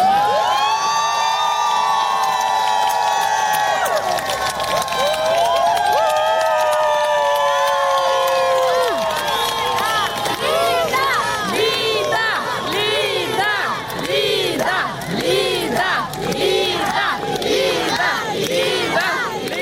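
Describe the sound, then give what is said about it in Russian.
A large crowd outside a court building shouts and cheers loudly in support as a defendant leaves the court after a hearing, voices rising in long sustained calls at first, then breaking into rhythmic chanting and overlapping cries that continue without pause. “Запись момента, когда обвиняемая по статье о так называемых фейках про российскую армию глава благотворительного фонда «Дом с маяком» Лида Маниава вышла из здания суда”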